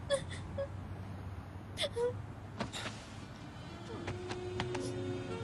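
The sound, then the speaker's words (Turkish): A person cries in soft, broken whimpers and short moaning sobs, a few brief bursts spread across the moment, fairly quiet over a low background rumble. “Artık ağlama.”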